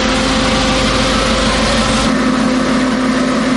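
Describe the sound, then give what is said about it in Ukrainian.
An ambulance evacuating a boy from Shakhtarske sets off, its engine droning loudly and steadily, a thick rumbling hum with a steady tonal whine, its low rumble thinning partway through as the vehicle moves off. No voices. “Врешті швидка рушає.”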